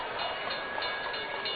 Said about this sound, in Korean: 종소리 울리며 전차가 그들의 곁을 스쳤다. 길 복판으로 질주하는 기차 바건 같은 것을 처녀들은 희한한 눈길로 바라보았다.